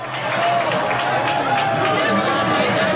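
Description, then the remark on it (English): A packed crowd of Spain football fans at a watch party in London cheers and shouts together in a loud, continuous roar during a Spain versus Argentina match, with many overlapping voices rising and falling throughout. “I don't know if you can hear them, but they keep cheering and cheering and cheering.”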